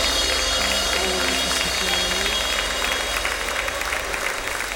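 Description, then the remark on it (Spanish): An audience applauds Christ steadily, a dense, loud wash of many hands clapping that holds without a break, with faint voices murmuring underneath. “Fuerte el aplauso al Cristo maravilloso.”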